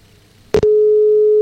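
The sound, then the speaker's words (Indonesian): A brief crackling click, then a steady, unbroken telephone ringback tone comes in loud and holds to the end, as a call is placed to a festival organizer in Dadapan, Lamongan. No voices are heard. “Masih berdering ya sobat di sana.”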